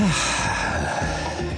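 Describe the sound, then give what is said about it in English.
A long, deep breath drawn in through the nose, a steady rushing inhale lasting over a second, fairly loud with no talking. “Wait, that's what breathing is supposed to feel like?”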